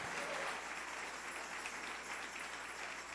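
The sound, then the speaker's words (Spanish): An audience applauds together during a sermon, giving applause to the King, a steady, dense wash of many hands clapping at once that holds an even level throughout, with no voices standing out above it. “Dele ese aplauso al Rey.”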